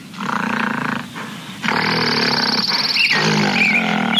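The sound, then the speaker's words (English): A large, hairy ape-like beast roars loudly, a harsh, raspy bellow that briefly dips, then surges back stronger and holds, rough and sustained, until the end. “That smelly ape is right in front of you.”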